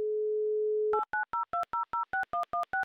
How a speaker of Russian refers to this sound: Итак, набран номер Данила. Звоним в Димитровград. Очень ждем гудки